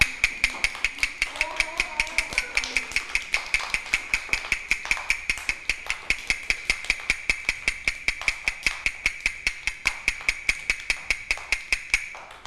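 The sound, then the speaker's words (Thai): Quick, steady tapping on a hard surface, a fast rhythm demonstrated for children in a movement and rhythm lesson, about five sharp knocks per second without a break for roughly twelve seconds, with a faint voice briefly in the background and a thin high tone. “คือจังหวะอะไรคะจังหวะเร็ว”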